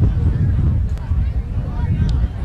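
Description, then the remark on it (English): Wind roars steadily, a heavy low rumble buffeting the microphone throughout with slight surges in strength, on a windy night in Champlin during a high school football game between Champlin Park and Andover. “A windy night here in Champlin.”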